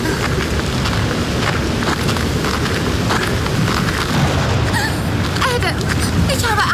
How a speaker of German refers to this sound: Das Gewitter ist fast schon über uns.